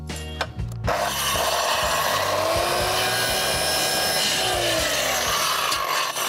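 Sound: power saw running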